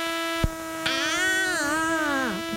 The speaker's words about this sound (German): Mücken gehören zu den effektivsten Schlafverhinderern überhaupt. Ich spreche da aus Erfahrung.